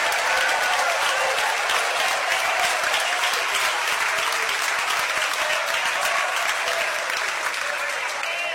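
A church audience applauds steadily, a dense, sustained wash of clapping that stays loud and even for the whole stretch, with scattered voices and shouts of glory to God mixed into the ovation.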